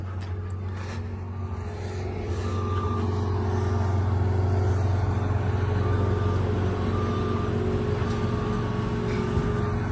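A motor grader working at the entrance to the city of Coracora, almost opposite the children's village of the Nuestra Señora de las Nieves school: its heavy diesel engine drones steadily for the whole stretch, a loud, low rumble with a humming tonal layer and a few faint, short higher-pitched whines over it.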